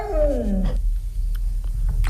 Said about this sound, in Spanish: Un perro que está contestando a su dueño. Dice albóndiga. Albóndiga.